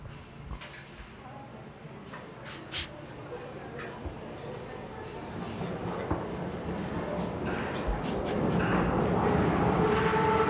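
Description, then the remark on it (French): A Paris metro train rumbles along the rails with scattered metallic clicks and clacks, the noise building steadily louder toward the end, while indistinct voices murmur in the background. “Oui, c'est mais le métro parisien.”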